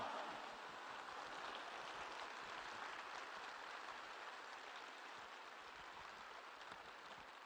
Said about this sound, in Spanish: Si te está cambiando la actitud, si te está cambiando tu mentalidad acerca de Jesús, acerca de la Eucaristía, dale un fuerte aplauso al Rey de Reyes y al Señor de Señores. ¡Pero que se oiga!